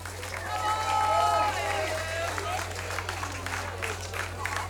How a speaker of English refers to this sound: The brainchild, the father of Sisela Vonga. Give him another hand of applause, ladies and gentlemen.